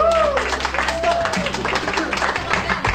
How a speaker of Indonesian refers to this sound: Tepuk tangan